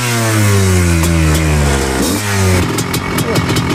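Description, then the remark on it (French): A petrol motorcycle engine revs up, its buzzing note climbing and dropping through gear changes before settling into a rougher, throaty rumble. “Tac, bon ben on vient de descendre de la moto thermique, c'est plus technique hein, quand même”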